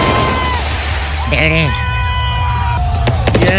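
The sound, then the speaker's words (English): Fireworks going off outdoors at a gender reveal party: whistling tones rise and fade, then a quick burst of sharp cracking bangs near the end, all over a steady wash of noisy crowd and background roar. “Are those cohetes or some gunshots? Who knows? Micho, who knows? But at a Tekashi party, you never know. They were cohetes.”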